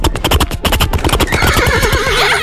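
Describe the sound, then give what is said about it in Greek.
A person imitates a horse neigh: a rapid, rhythmic series of voiced pulses that shifts into a wavering, high whinny, loud, with no other talking. “στείλτε μα ηχητικό μίμηση αλόγου. Το καλύτερο άλογο ναι.”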